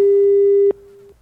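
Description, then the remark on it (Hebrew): A steady, single-pitched telephone busy tone from a call placed to prize winners of a purchase refund hums loudly and clearly, then abruptly drops to a quieter level before cutting off after about a second, with no voices. “בהחזר הקנייה, בואו נחייג אליהם, בואו, שימו לי חיוג, שימו לי טלפון באוזן.”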